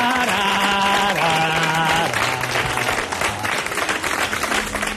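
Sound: audience applause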